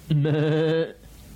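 A single lamb bleats once, loud, a wavering, quavering cry that holds steady for under a second before cutting off into near silence.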